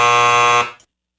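A loud, harsh game show timer buzzer blares as one steady, raspy tone for just over half a second, then cuts off and fades quickly into silence.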